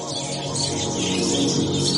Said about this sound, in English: It's been said that the sound of a flying fox colony is like the sound of a football grand final.